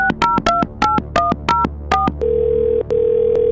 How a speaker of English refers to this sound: let's try to get this winner on the phone.